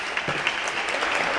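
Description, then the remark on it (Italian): Applause fills a parliamentary chamber during an address by Giorgetti: a dense, steady wash of many hands clapping at an even, fairly loud level throughout, with no voices standing out. “Sentite che applauso!”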